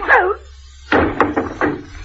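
A short voice sound, a pause, then a series of four or so sharp, irregular knocks on a door, fairly loud and uneven in spacing.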